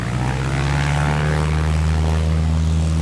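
A propeller tow plane's engine drones steadily and loudly throughout as it pulls a Slingsby glider skyward, a continuous low harmonic hum with wind rush on top and no voices.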